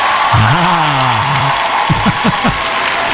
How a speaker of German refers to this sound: Und so langsam können wir uns ja schon mal in Stimmung bringen. Jubel! Also so ein bisschen ekstatischer darf der Jubel schon sein.